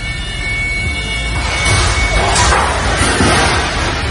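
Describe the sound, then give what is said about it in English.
A loud, heavy crash of a large new video scoreboard falling about 30 feet from the rafters onto a high school gymnasium floor in O'Fallon, Illinois, while being raised by a scissor lift. It swells into a sustained noisy roar of clattering, scattering debris as it breaks into many pieces, over a steady mechanical hum. “Scoreboard crashed about 30 feet down to the floor. It broke into a gazillion pieces, damaged the gym floor.”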